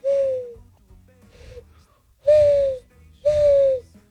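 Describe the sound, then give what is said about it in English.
A person imitates a mourning dove call with a series of breathy, falling hoo notes, a loud first coo, a softer one, then two more loud coos, alone. “Yeah, ready? Morning dove.”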